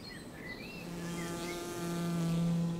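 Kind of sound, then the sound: insect, honeybee colony buzzing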